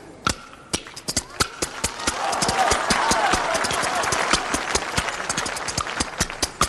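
Tianjin kuaiban bamboo clappers rattle out sharp, bright clacks in a quick, steady rhythm, starting sparse and then running fast and dense, with a noisy wash rising underneath through the middle, played to deliver the TV program Focus Report (Jiaodian Fangtan) in kuaiban style.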